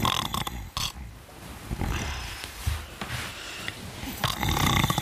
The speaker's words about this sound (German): Wer ist das Schnarchmonster?